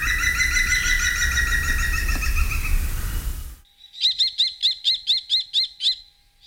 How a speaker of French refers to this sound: Le numéro 19, c'est le pivert, qu'on peut voir un peu partout dans la campagne, qui est essentiellement un mangeur de fourmis.